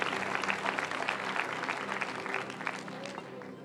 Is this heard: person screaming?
no